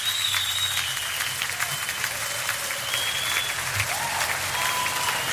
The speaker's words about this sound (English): I haven't heard this one before, so it's live, as you can tell from the clapping.